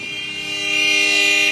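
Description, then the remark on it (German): Car horns blare in India in a long, overlapping honk that swells louder and holds steady before cutting off abruptly, with traffic rumbling underneath. “Und was hilft dann? Genau, lauteres Hupen.”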